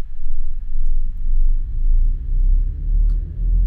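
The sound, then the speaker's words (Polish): Simulated aircraft engines are switched on in a flight simulator and spool up: a loud, deep rumble that gradually rises in pitch and throbs in steady pulses about every half second, with no talking. “I włączyliśmy silniki.”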